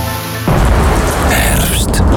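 Heavy rain pours down loudly and steadily under a deep, rumbling thunderstorm, cutting in abruptly after a brief tonal musical note at the start.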